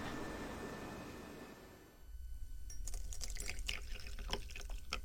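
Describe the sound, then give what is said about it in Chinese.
A steady hiss gives way to tea being poured into a cup, a continuous trickle with bright splashy bursts lasting several seconds. No one speaks. “来，喝茶，喝茶”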